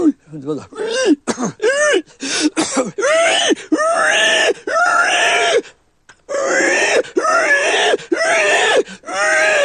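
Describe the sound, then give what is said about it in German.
A man imitates a dying pig with his voice, using his larynx, in a run of strained, squealing, throaty shrieks and groans that rise and fall in pitch. The cries come in loud bursts, broken by one short pause. “Das ist die sterbende Sau.”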